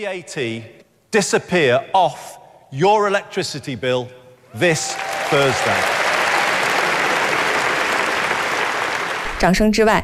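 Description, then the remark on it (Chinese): A man gives a UK political speech announcing that VAT will come off energy bills, speaking for several seconds; then a loud, steady burst of audience applause takes over for about five seconds, a dense wash of clapping, before his voice returns. “掌声之外，资金从何而来仍是无法回避的问题。”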